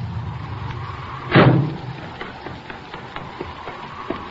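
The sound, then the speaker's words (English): A car pulls up with a low engine rumble idling, then a single sharp, loud car door slam cuts through, followed by a few faint clicks and shuffles as things settle. “Here comes a car.”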